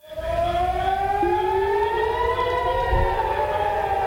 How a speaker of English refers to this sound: Those air raid sirens in Haifa Sunday.